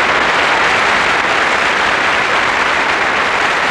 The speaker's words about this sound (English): And with that terrific applause for Miss Tape Recorder of 1965 from Paris, bonsoir.